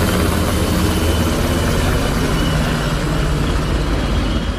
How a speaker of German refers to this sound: Am späten Abend starteten im Hafen die Motoren. Über der Stadt kreisten Hubschrauber von Bundeswehr und Polizei.